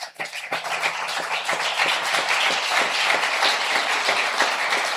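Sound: audience applauding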